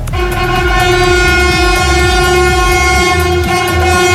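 An ICE high-speed train from Altona to Basel crosses a new bridge at 4:30, sounding a long, steady horn blast to greet railway workers standing at the bridge, with a continuous rumble and rhythmic low thumping of wheels over the track.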